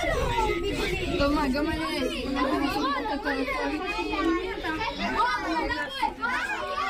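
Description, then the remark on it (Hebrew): Dozens of children's voices, overlapping shouts and chatter packed together, continuous and fairly loud throughout with no single voice standing out, as the children push into a protective shelter at a school in Shlomi, western Galilee, during sirens at midday. “בואו נשמע מה קרה בצהריים כאשר אמא באה לאסוף את ילדיה מבית ספר בגליל המערבי כשנשמעו שם אזעקות, והרבה מאוד ילדים, כשאני אומר הרבה זה כמה עשרות, ניסו להידחק לתוך מיגונית.”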